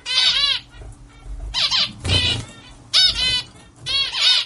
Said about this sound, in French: Le diamant mandarin, c'est un petit oiseau indonésien, coloré, au bec orange et surtout, il chante beaucoup, d'un chant assez répétitif et stable pour pouvoir l'étudier.